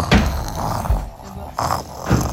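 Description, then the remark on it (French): A voice imitates the loud, rasping snoring of the big bad wolf, asleep after eating, with several rough breaths repeating in a slow rhythm and no other sounds. “Rassasié, le loup s'endormit et se mit à ronfler très fort.”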